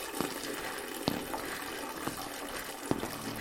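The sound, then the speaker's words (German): Water runs in a steady hiss like a toilet flushing, with a few sharp drips or clicks popping out over the rush. No voices. “Also ihre Spülung?”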